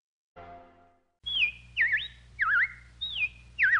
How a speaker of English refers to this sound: Well, the robins are back. That's a sure sign of spring.